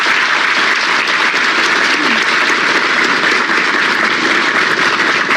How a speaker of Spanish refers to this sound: El vidrio, un aplauso por favor para la planta.